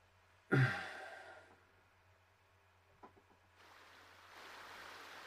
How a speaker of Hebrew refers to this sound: הפעם העוגן של הצלילים שלנו יהיו הצלילים של מהטבע, של הנחל וציפורים. יש לי כמה צלילים פה של נחל, בואו נראה.